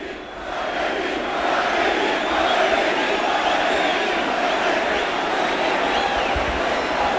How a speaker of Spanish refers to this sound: mientras los gritos de San Fermín se suceden en la plaza.